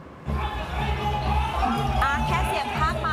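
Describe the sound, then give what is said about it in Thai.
A large outdoor crowd of spectators cheers and shouts continuously along both banks of the Chai Nat–Pa Sak irrigation canal at the annual traditional 12-oar long-boat race of 2569 in Lopburi Province, Thailand. Many voices blend into a loud, steady roar with a few higher calls rising above the din. “คุณผู้ชมเสียงกองเชียร์ที่ดังกึกก้องตลอด2ฝั่งคลองชลประทานชัยนาทป่าสักสะท้อนความคึกคักของการแข่งขันเรือยาวประเพณี12ฝีพายประจำปี2569”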